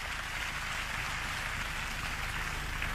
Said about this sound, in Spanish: lo aplauden. Lo quieren mucho a don Orese.